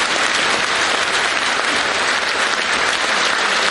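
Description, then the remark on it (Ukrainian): A theatre audience bursts into a sustained ovation as the actress Ada appears on stage in the festive performance "Make Yourself at Home" (Будьте як вдома), dense clapping from many hands at a steady, loud level with no pauses and no talking over it. “Коли Ада з'являється на сцені, зал зривається на овацію.”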